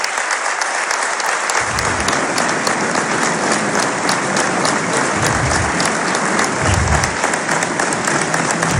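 A stadium crowd at Stade Gaston Gérard in Dijon applauds steadily during a minute of applause before the Dijon–Saint-Étienne match, in a dense, loud wash of clapping that holds without a break, with a low crowd rumble swelling now and then beneath it. No one speaks over it.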